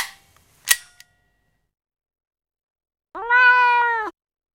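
A sharp snap rings out, then a pause of silence before a cat gives one long, clear meow, sustained for about a second, with no one talking.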